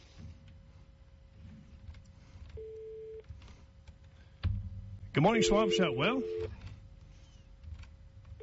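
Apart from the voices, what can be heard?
telephone line tones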